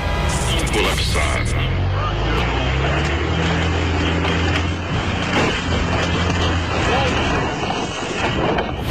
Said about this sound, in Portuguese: Esse barulho não estraga só o caminhão. Ele pesa no bolso de quem produz, de quem transporta e também de quem faz compras no supermercado.